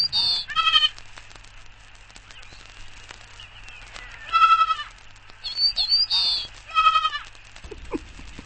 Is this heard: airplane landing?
no